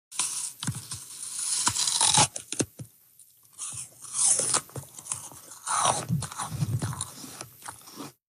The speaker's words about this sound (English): That is the distinct sound of someone biting into a crispy, crunchy apple, something that can take apple breeders decades to perfect. After 25 years of experimenting, Canadian scientists think they've done just that.